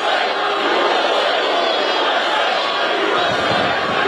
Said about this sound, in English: UFC 250 held on the president's 80th birthday on the transformed White House grounds, the crowd chanting.